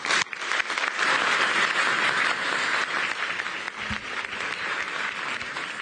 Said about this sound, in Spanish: Un aplauso para ti.